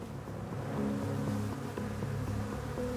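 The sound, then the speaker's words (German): A steady insect buzz with droning, shifting tones: an Asian hornet (Vespa velutina) hovering and darting near a beehive as it hunts honeybees, continuous for a few seconds with no voices. “Es handelt sich um die asiatische Hornisse Vespa velutina.”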